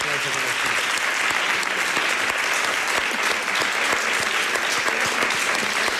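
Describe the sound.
Sustained applause from an audience fills the whole six seconds, a dense, steady clatter of many hands clapping at close range, loud and unbroken, with a hint of voices underneath.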